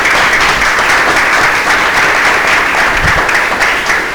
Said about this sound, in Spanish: Bueno, antes de nada, yo creo que primero deberíamos dar un aplauso a la entidad, al Zamora Club de Fútbol,